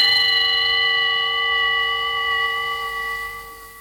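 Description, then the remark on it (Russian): The town hall clock bell in Weimar strikes, marking twelve o'clock, and hums on, its rich metallic overtones ringing steadily before slowly fading. No one speaks. “Ваше превосходительство, часы на ратуше пробили 12 ударов.”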